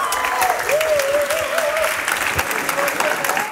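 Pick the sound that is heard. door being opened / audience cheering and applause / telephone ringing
audience cheering and applause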